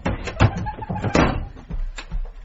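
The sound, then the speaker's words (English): A wardrobe door being opened and shut as someone hides inside the wardrobe, with a few hollow wooden clunks and a rattle spread over a couple of seconds, no voices. “She's back! Quick, hide in the wardrobe.”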